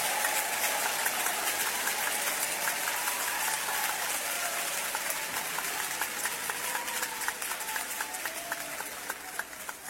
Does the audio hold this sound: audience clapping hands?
yes